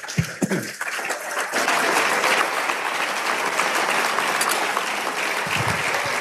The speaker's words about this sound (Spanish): Si va a aplaudir, aplaudamos todos.